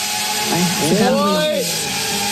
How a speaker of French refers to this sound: On sait que les drones, ça fait énormément de bruit.